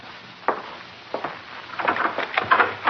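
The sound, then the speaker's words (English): A door being opened at night to let in two police officers, a couple of sharp wooden clicks, then a busier stretch of rattling and knocking from the latch and frame, moderately loud with no voices. “Hey, come on in, it's chilly with the door open.”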